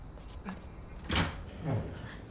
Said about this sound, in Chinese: 终于舍得开门了吗？刚才干嘛不给我开门啊？